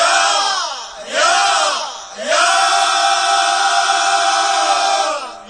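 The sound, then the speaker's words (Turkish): A crowd of people in Gaziantep yells together loudly as a morning-energy shout for a radio broadcast, in three sustained bursts, the voices swelling and rising in pitch before holding a long, energetic group shout to the end. “Çok bağırmayın ki yani insanların radyosunu.”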